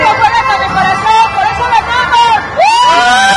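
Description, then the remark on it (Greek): A loud, dense crowd fills the streets of Mexico City celebrating the Mexican national football team's qualification, with cheering, shouting and whistling, a continuous celebratory roar with rising whoops and horn-like tones cutting through near the end. “Η εθνική ομάδα πήρε την πολυπόθητη πρόκριση και στους δρόμους της πόλης του Μεξικού επικράτησε ολονύχτιο πάρτι.”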